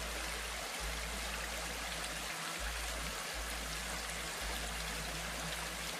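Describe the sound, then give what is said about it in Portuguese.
Water of a clear river rushes and burbles steadily over many rocks, a continuous babbling stream with a low rumbling undertone and no voices. “Tem uns lugares com muitas pedras. E quando a água passa por ali, dá para ouvir uma conversa.”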